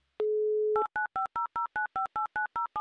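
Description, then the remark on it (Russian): A steady dial tone hums briefly, then a quick, even series of about eleven two-note touch-tone beeps rings out as a phone number is keyed in for an outgoing call to Bratsk, clear with no voices. “Давайте позвоним прямо сейчас и убедимся в этом еще раз снова.”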